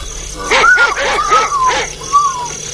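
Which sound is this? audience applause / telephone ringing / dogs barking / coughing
dogs barking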